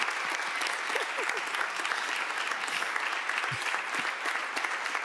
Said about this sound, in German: Dieser Applaus sagt dir, genieße diesen Abend.